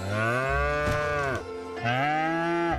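A cow moos twice, loud, each long low call rich with harmonics and bending in pitch, with a short pause between them and no talking.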